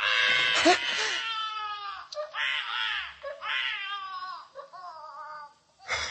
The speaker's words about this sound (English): That's the most frightened I ever was in my life, when a kid started to yell. Because in the first place, I didn't know what it was right away.